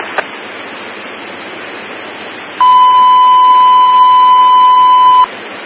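A fire dispatch alert tone in Montauk: one loud, steady, mid-pitched beep held for about two and a half seconds, cutting in over a bed of hissing radio static and then stopping abruptly.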